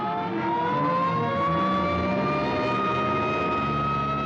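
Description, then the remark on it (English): An ambulance siren wails loudly and continuously, its pitch climbing steadily as it approaches, with a vehicle's engine rumbling underneath. No one speaks. “Hey, here comes an ambulance out.”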